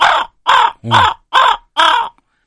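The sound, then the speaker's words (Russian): A crow caws five times in a steady, evenly spaced series, each call harsh, raspy and loud, with short silent gaps between calls. “у меня написано, значит, звуки тайги, хрипы лошадей, крики коровки. А, ворона, воронов”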